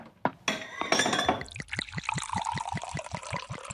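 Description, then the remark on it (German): Glasses chink together a few times for a toast, then good sherry is poured with a steady, rhythmic glugging from the bottle, clear and fairly loud with no voices. “Also erheben wir unsere Gläser auf Greynor Castle.”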